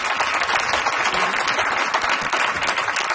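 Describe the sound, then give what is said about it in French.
A live audience at the Atrium de Radio-Canada in Montreal applauds a guitarist steadily, a dense wash of many hands clapping at an even, sustained loudness throughout, with no voices standing out. “Lui aussi, on l'applaudit bien fort.”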